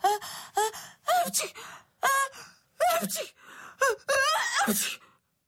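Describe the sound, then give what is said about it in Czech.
A voice imitates a run of sneezes from a flu, about eight sharp bursts in quick, uneven succession, each starting with a rising gasping 'ah' and ending in a breathy, noisy burst. “Kýchala a kýchala.”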